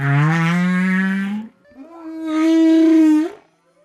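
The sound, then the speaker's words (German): Two long, drawn-out whale song calls, each a sustained harmonic tone about a second and a half, with a short pause between; loud and clear with no speech. “Die Wale singen einen bestimmten Teil ihres Liedes und ändern diesen, wenn sie tiefer sinken.”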